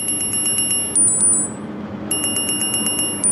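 A smartwatch alarm on a lifeguard's wrist at a swimming pool beeps in rapid repeated pulses of high electronic tones, set off by an AI reading camera images that judges a person in the leisure pool needs help; it pauses briefly before the insistent beeping resumes, over a faint background hum with no talking.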